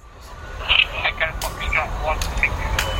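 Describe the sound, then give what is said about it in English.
A small police drone's steady electric whir spins up as it launches from an industrial estate a couple of miles from the CBS Arena in Coventry, England, trialled to watch football crowds from above, amid outdoor rumble, with short chirping electronic tones and muffled voices in the background. “On an industrial estate, a couple of miles from the CBS arena, the police are launching a small drone into the air to keep an eye on things from above.”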